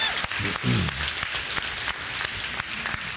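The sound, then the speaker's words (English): A church audience applauds steadily for a guest pastor from First Covenant, a dense, crackling wash of many hands clapping at even loudness throughout, with a brief voiced cheer rising out of it early on. “Round of applause if you enjoyed Pastor Andrew McCourt from First Covenant.”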